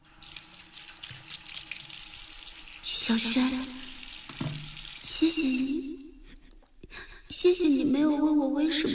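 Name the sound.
water running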